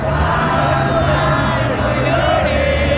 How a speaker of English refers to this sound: The lyrics of the mariachi folk song Cielito Lindo weaving harmony in the crowd, one phrase has become a new national mantra.